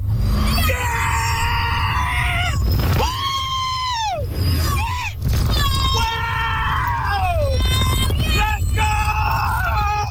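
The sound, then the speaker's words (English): A crowd of riders screams on a Universal theme park ride: many loud, high-pitched shrieks overlap and rise and fall over a steady low rumble for the whole stretch. “Nearby residents told of, quote, screams, blood-curdling screams that penetrate closed windows and doors every 30 seconds for about 10 hours straight when the park is open.”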